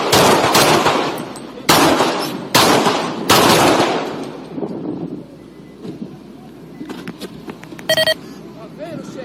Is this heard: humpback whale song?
no